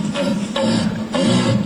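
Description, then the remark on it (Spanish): A human voice imitates a deer's rutting call at a world deer-calling championship: deep, hoarse bellows in three sustained, loud bursts close together, with no other sounds. “Campeonato mundial de llamadas de ciervo”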